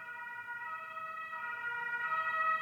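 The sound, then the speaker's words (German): An ambulance or police siren wails steadily outside, its tones holding high and growing slightly louder over a few seconds, with faint traffic rumble underneath and no one speaking. “Ich hoffe, der Person geht's gut, falls Safe. es ein Krankenwagen ist. Ja, oder Polizei.”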